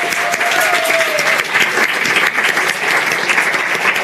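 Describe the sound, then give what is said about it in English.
An audience claps steadily for people in an overflow room, a dense, continuous wash of applause that stays loud and even throughout, with a brief faint whistle-like tone near the start. “Wir wollen ihnen einfach applaudieren.”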